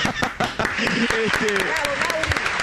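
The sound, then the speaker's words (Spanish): A burst of dense applause from a crowd, steady and fairly loud for a few seconds, with voices calling out over the clapping. “Se ríen los chanchos y este es el aplauso para”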